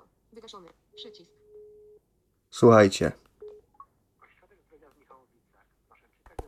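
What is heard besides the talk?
telephone call ringing tone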